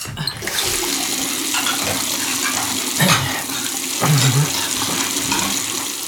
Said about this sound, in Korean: 나는 수세미에 세제를 묻혀서 거품을 냈다. 수세미로 그릇을 문지른 후 따뜻한 물을 틀어서 그릇을 헹굴 때였다.